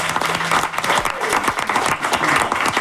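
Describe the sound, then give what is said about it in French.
An audience applauds the production team of the radio show 15-18, a dense, steady wash of many hands clapping at a fairly loud level, with scattered sharper claps standing out and a faint murmur of voices underneath. “Oui, on va les applaudir.”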